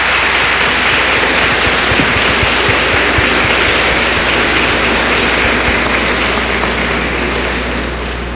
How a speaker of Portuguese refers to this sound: Vamos acolher com uma salva de palmas, né?